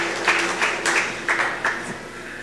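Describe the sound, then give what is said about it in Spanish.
A crowd applauding steadily to welcome members of a community, a dense wash of clapping with a few louder bursts rising out of it every fraction of a second. No voices are heard. “De comunidad, la patria, jateca, hermanos de la patria, aplausos, bienvenidos, hermanos.”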